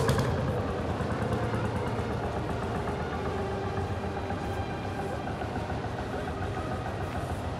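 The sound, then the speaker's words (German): The old engine of a travelling saw, the way such work was done in the 1950s and 60s, rattles loudly and steadily throughout, a dense low chugging rumble with a broad noisy clatter and no pauses or voices. “So, da knattert es richtig. Ha. Die alten Motoren, die fahrende Säge.”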